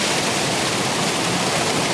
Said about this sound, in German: Das ist das Wasser hier.